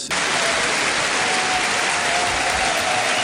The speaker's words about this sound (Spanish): Caray. Todos aplausos, y todos en pie.